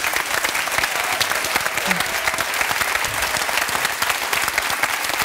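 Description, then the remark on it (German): A crowd in Bremen claps steadily in dense, continuous applause, a birthday tribute sent to a former host of the talk show 3 nach 9 who is in a Munich studio. The applause stays loud and even for several seconds, with no voices standing out above it. “Und du hast vor kurzem Geburtstag, Und ich finde, wir dürfen dir nach München einen extra Applaus schicken, wenn du erlaubst.”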